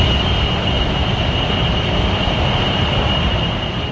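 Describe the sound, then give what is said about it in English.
A steady, loud hum from a data center in Sterling, heard by residents living next door, with a broad wash of white noise, plus a faint constant high tone riding on top; unchanging throughout, with no voices. “Imagine hearing loud hums or white noise like this right here.”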